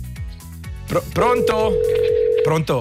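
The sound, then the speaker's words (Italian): A steady, unbroken telephone dial tone hums clearly for over a second, framed by brief indistinct voice-like sounds before and after it. “Dai, lo chiamo. Vediamo un po' se c'è il telefono.”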